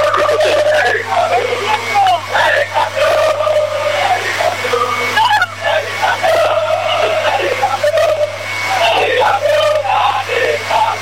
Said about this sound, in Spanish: Bueno, creo que ustedes alcanzan a notar, ¿no? En el festejo de Belgrano, campeón, que no para, que no se detiene después de lo que ha sido el triunfo.